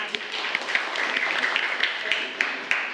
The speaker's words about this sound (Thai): พร้อมไหมคะพร้อมมาปรบมือเพื่อนหน่อยค่ะ